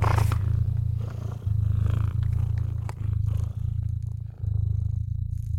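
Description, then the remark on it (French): A cat purrs deeply and steadily up close, a low rumbling drone that pauses briefly with each breath, continuing on its own for several seconds. “Vous ronronnez à présent, doucement, amplement.”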